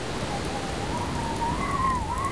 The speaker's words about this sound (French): La pluie va me faire déborder si ça continue.